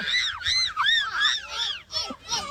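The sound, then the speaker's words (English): Voices mimic a cockatoo with a run of about six loud, shrill squawks, each rising and falling in pitch, packed together with barely a pause between them, at the end of the Bell North Under-9s team chant "1, 2, 3, cockatoos!" “And do a cockatoo squawk at the end, I reckon.”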